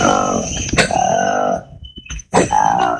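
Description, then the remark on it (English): A colobus monkey roars in loud, throaty, harmonic bursts, recorded in the rainforest by a Congolese research team: a long rolling call, a short pause, then another strong burst, with a thin high whine running along in the background. “We call it the roar of the colobus. It's a really distinct sound in the rainforest, and if you're there with colobus, it depends on the morning at 5 a.m., and you can hear it loud above your tent.”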